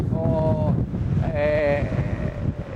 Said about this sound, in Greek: Κρίθηκε σκόπιμο, ενώ ακούτε και τον αέρα, τι γίνεται με τον αέρα που φυσάει, που συνεχίζει να φυσάει και θα φυσάει όλη τη νύχτα με βάση τις προβλέψεις των μετεωρολόγων.